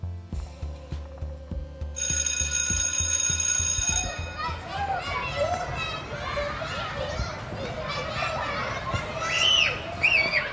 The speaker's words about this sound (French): Il est 10h et c'est l'heure de la récréation à l'école de la Profondine de Saint-Sébastien-sur-Loire dans la métropole de Nantes. Ici, on entend les enfants crier, jouer et s'amuser autrement.